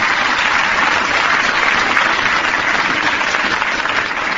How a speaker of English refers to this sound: My boy here plays jazz trombone. Come here, Miff. Miff, come here, boy. Come on, Miff. Let's have a little applause here for Miff.